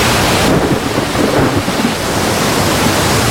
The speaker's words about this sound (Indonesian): Ada apa ini? Mengapa tiba-tiba ada badai? Air sudah masuk perahu.